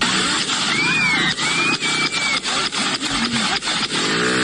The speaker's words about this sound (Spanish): Y sucede esto que ustedes van a escuchar. Lo voy a poner de nuevo. Escuchen bien, eso es track, track, track, track, track, track, track. Tiro. Balas.